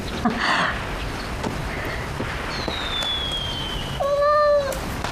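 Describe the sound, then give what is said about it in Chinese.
A cat named Hertz meows a few times, a soft, short mew early on and a louder, drawn-out meow near the end, over a faint crackling background with no one talking. “哟，这猫好漂亮啊！”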